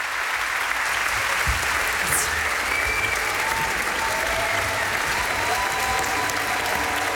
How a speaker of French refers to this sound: Les musiciens qui sont très applaudis ici, dans le domaine d'eau, à Montpellier. On est un petit peu à côté de Montpellier.